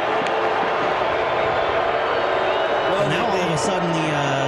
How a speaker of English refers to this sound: A very sparse crowd is making a noise. This is as loud as they've been all night. And there's not very many of them here.